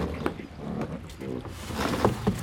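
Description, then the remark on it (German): Someone climbs back into a rowboat: hollow wooden knocks and thumps against the hull, shifting creaks, and water sloshing, growing busier and louder toward the end. “Achtung, ich komme wieder ins Boot rein.”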